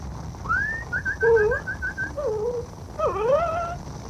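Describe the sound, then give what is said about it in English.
A dog whimpers and yips: a quick run of short, high-pitched yips followed by several drawn-out, wavering whines, with no one talking. “Here, doggy. Here.”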